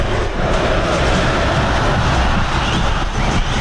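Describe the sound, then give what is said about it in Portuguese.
A loud, steady roar of Grêmio football fans celebrating a 3-1 win in the Arena stadium, a dense wall of crowd noise that holds at the same level throughout, with no single voice standing out. “Som da Arena, esse é a festa do torcedor.”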